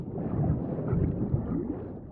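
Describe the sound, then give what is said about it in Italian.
A deep, continuous rumble of a thunderstorm rolls on steadily, heavy in the low end with a dull roar of wind and rain and no clear peaks or breaks. “Ma non era una buona giornata per partire. Una terribile tempesta era alle porte.”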